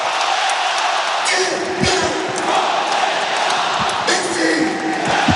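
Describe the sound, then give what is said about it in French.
A large stadium crowd roars in a sustained ovation for footballer Diego Moreira on his last appearance at the Méno, a loud, dense wall of cheering and applause that fills the whole stretch without letting up, with a few scattered shouts rising from the mass. “Il a été ovationné, hein, Diego Moreira.”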